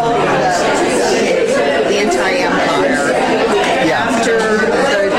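Dense crowd chatter fills the whole stretch, many overlapping voices blending into a steady, loud murmur with no single speaker standing out.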